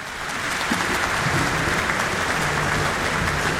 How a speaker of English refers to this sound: The applause is welcoming Eckhart Proy, who is now on stage for Symphony No. 6 in A minor, subtitled Tragic, by Gustav Mahler.